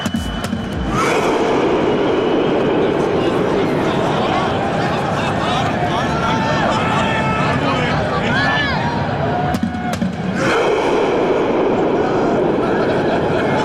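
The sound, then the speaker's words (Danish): A loud stadium crowd performs a rowing chant, a dense, sustained roar of many voices that briefly drops out near the end before surging back at full strength. The chant is a celebration of Norway's national team reaching the round of 16, and it was started by the team itself. “Sådan en ting, de havde kørende deres tilskuere under kampen, og så da de så havde vundet det hele, så var det simpelthen det landsholdet selv, der satte gang i den her roningslyd.”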